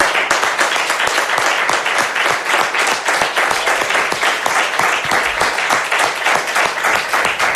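Sustained audience applause, a final round dedicated to a colleague for his whole career, a dense crackle of many hands clapping at steady loudness for several seconds, with no voices standing out above it.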